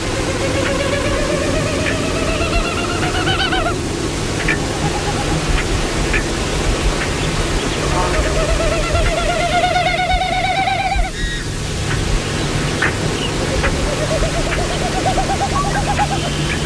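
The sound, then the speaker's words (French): Wilson's snipe winnowing in flight, a sound made by air moving over the tail as the bird flies, not by its voice: two long bursts of rapid, hollow, tremulous hooting that swell and rise in pitch, over steady outdoor background hiss, with a fainter burst trailing near the end. “on va commencer justement par la bécassine de Wilson. Donc, on peut jouer le son de la bécassine de Wilson”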